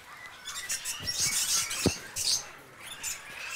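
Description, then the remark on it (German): A small fig parrot chirps in a cage with quick, high, squeaky chirps in irregular bursts, mixed with light scratching and shuffling sounds. “Das ist auch der erste Kandidat, ein etwa Feigenpapagei hier.”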